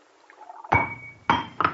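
A drinking glass slips from a hand and hits a hard surface with a sharp, ringing clink, then clinks twice more as it bounces, each impact loud with a brief bright ring trailing off.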